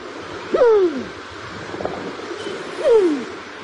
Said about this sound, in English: The New Zealand Pigeon.